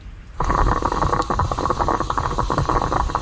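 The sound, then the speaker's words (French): A moka pot, an Italian stovetop coffee maker, gurgles and sputters steadily as coffee brews after a sudden start, a dense bubbling hiss with irregular pops running continuously and fairly loud, with no voices. “C'est la machine à café. Le perco. C'est une cafetière italienne, ouais.”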